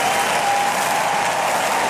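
A large audience applauds in a steady, dense wash of clapping that stays loud and even throughout, with a faint tonal hum beneath it and no talking.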